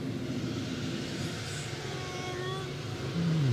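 An old car's engine hums steadily with road noise as it enters a freeway, then revs up near the end, its pitch climbing sharply as the vehicle accelerates.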